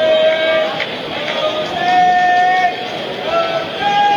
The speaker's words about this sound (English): Vocal crowd down there. Yeah, really.